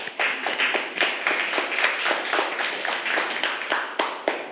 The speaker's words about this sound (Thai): ปรบมือให้เพื่อนกลุ่ม5